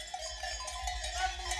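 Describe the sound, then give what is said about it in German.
Several cowbells on cows being driven up the mountain by mountain farmers clank and jingle in an irregular, overlapping patter over a steady low rumble, with no voices. “Die Bergbauern treiben die Kühe noch hoch.”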